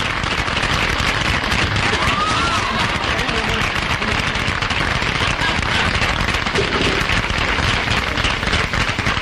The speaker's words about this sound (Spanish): Va a ser su entrada ya y recibimos con un gran aplauso al hombre de Buenos Aires. Adelante, señor.